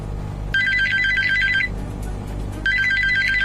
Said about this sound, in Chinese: 2015年冬夜，凌晨2点的电话让翟大龙瞬间惊醒